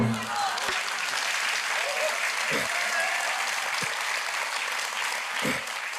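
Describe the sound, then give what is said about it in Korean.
An audience claps steadily for several seconds, a dense, continuous patter of many hands at a loud, even level, with a few faint vocal sounds mixed in. “박수를 자주 치면 건강에도 좋다고 합니다.”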